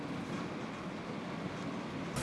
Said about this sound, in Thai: ทีมงานวิถีอาเซียนได้ลองเดินทางจากด่านประดังเบซาโดยขบวนรถไฟฟ้าของมาเลเซียนี้